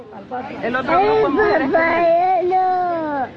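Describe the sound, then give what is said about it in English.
Young children crying and wailing after being separated from their parents under a 2018 immigration zero-tolerance policy, their high, strained voices rising and falling in one continuous, loud stretch of distressed sobbing with some murmured voices mixed in. “Children in cages, the audio of the children crying after being separated.”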